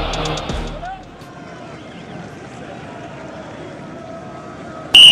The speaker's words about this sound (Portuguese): numa altura em que Luís Godinho verifica que se está tudo bem, vai apitar para o começo da segunda parte deste Fama 0, Sporting 0. Apita Luís Godinho.